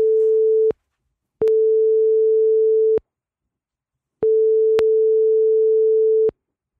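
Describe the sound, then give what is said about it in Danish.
A telephone call placed on the Danish radio station 4'eren rings out unanswered: a steady, mid-pitched electronic ringback tone in three uneven bursts separated by short silences, with no one speaking and no pickup. “Der er ikke nogen, der tager den.”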